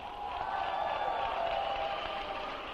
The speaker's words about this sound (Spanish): Un grito de júbilo al rey.